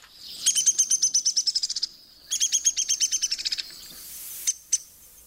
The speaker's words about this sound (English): Woodpeckers do not really sing, though they do have distinctive calls. Here's the downy.